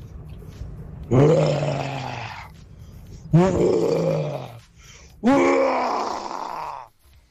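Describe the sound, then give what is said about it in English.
A caller from Pretoria imitates a lion's roar for a radio competition entry sent through WhatsApp, with three long, loud, rumbling vocal bursts, each lasting about one to two seconds with short pauses between them, with no other talking. “and this is my best rendition of a lion roar.”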